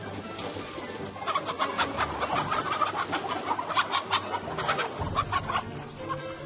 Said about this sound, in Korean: 세상 당연한 일인데 어쩌면 그토록 까맣게 잊었을까요? 닭이 이렇게 날 수 있다는 사실 말입니다.